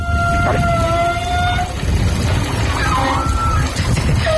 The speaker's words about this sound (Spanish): No, de los gimnasios, como tienen muchas duchas, las tuberías son más anchas. Entonces cuando empieza a pasar el agua caliente, supongo que vibrará o hará algo del estilo y hace un sonido parecido.